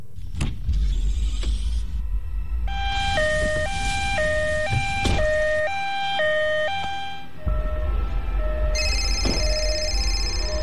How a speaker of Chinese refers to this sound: 说了妻子的大概情况，还报了家庭住址，让救护车赶紧过来。